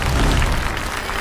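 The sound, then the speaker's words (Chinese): A burst of audience applause for a contestant on the singing show 中国唱将 (China's Singers), dense and steady clapping from a crowd filling the whole moment, loud with no voices on top. “掌声再次献给”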